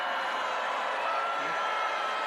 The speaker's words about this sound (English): University graduates booing commencement speakers across the country when discussing the technology.